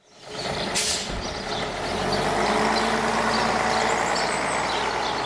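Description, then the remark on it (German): A heavy truck engine rumbles steadily at a bus stop near Reichertshofen in Upper Bavaria, with a short, sharp hiss of air brakes near the start and a continuous low drone of traffic throughout. “Eine Bushaltestelle in der Nähe von Reichertshofen in Oberbayern.”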